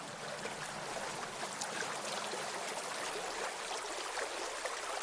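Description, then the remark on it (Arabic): Fresh water runs steadily in a stream on the island of Zanzibar, a continuous rushing, bubbling hiss that stays even for the whole stretch, with no voices. “هذا ماء عذب، وهذا الماء الذي نحتاجه.”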